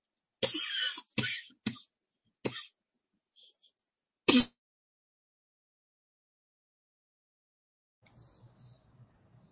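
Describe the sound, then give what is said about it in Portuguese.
A series of sharp coughs from a person with a cough, about five bursts in irregular succession over four seconds, followed by silence and then faint, low murmuring in the background. “querida, tá com a tosse”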